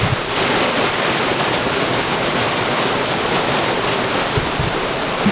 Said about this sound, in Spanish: Así suena el río Estena en este puente colgante de madera y desde aquí van a empezar a aflorar las pizarras.